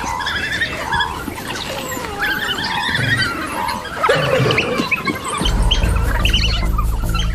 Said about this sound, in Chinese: 危险警报响起，他们向窝里冲去。这一次是假警报，但是确实有事发生。